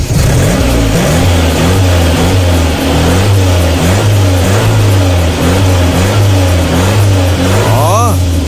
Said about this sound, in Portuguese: Partida tá ó chique, rapaz. Lá no Portuga Veículos é desse jeito. Você vai chegar lá, vai escolher o carro, vai dar partida no danado e já sair dando seta, rapaz.